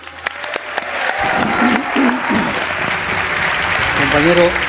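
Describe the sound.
Audience applause for a guest journalist as he is introduced at a live show, starting with a few scattered claps, then swelling into steady, loud clapping that continues throughout, with voices and a few shouts faintly mixed into the crowd noise.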